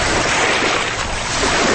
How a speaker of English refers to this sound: After a lengthy boat ride, we finally pull up to the mound's shore. It's windy. We get out of the boat to explore the Lemon Tree Mound.